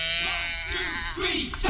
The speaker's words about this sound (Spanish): Ha venido la cabra.